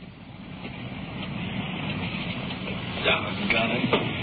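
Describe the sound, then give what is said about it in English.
Steady, dense hiss of heavy rain, with a few sharp knocks and thumps near the end as someone climbs into a police car. “I got my feet wet getting into the car. Rain's really coming down now.”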